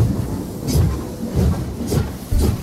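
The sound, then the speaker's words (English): A train rolls along with a steady, rhythmic clatter of wheels over rail joints, repeating heavy rumbles with sharp metallic clicks, loud, with no voices; the sound of HFM's 'Mole Train' departing. “The train now departing from HFM is the Mole Train.”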